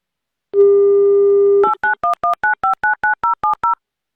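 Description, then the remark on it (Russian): A steady telephone dial tone holds for about a second, then gives way to a quick, even run of ten touch-tone dialing beeps, each a short two-pitched chirp, as Avtoradio calls a listener. No voices. “Это то, что мы хотим услышать вместо гудков.”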